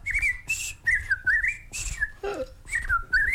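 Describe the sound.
A bird-call whistle sounds in a quick series of bright, warbling trills and sliding chirps, fairly loud, with brief pauses between bursts and a low rumble underneath.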